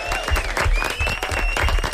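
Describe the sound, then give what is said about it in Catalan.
Sustained applause from a group of people after a rap performance, a dense wash of many hands clapping at once, steady and fairly loud throughout, with no talking over it. “Molt bé, un aplaudiment, no?”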